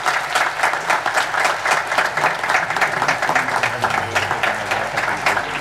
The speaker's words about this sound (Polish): I dla tych rodzin, 2, o których już wiem, że przyprowadziły na szlak 7 swoich dzieci, ogromne brawa od wszystkich pielgrzymów.